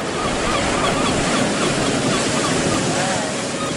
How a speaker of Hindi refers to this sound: ऊंची नीची लहरें मेरे चारों तरफ उठती गिरती हैं।